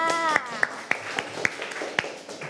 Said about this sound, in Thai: เก่งมากค่ะเด็กๆปรบมือให้เพื่อนด้วยค่ะ